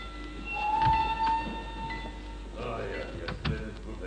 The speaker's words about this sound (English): The train arriving at platform 2 is for passengers to Béziers, Montpellier, Sept, Palavas, and Flore. Platform 2. The train is entering the station.